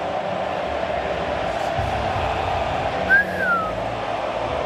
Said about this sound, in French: Et le God Save the Queen, ou devrais-je dire God Save the King. Ah, ça siffle, hein, dans les tribunes argentines, je crois, non? Il y a un mix des deux. Ça chante et ça siffle.